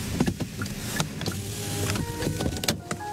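Inside the cab of a delivery truck weaving through narrow alleys in Incheon City, west of Seoul, at 11 p.m.: a steady low engine rumble with scattered clicks, rattles and brief whirring mechanical sounds. No one speaks.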